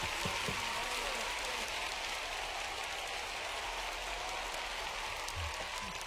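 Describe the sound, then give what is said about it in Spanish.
Dense, steady applause, many hands clapping at once in an even wash of sound that holds for about six seconds without rising or fading, with no one speaking over it. “Un aplauso.”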